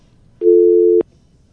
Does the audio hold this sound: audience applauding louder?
no